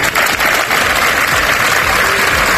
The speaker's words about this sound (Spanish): Este lunes se han guardado varios minutos de silencio en distintas concentraciones que han terminado con este aplauso como muestra de repulsa.